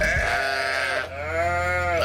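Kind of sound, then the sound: animal, sheep bleating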